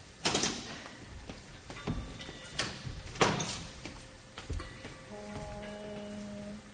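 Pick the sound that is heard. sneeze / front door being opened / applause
front door being opened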